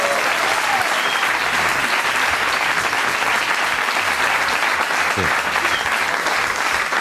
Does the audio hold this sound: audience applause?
yes